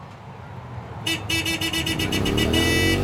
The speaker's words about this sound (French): Vous êtes en ville. Une circulation dense, des klaxons, une moto passe à toute vitesse, moteur hurlant.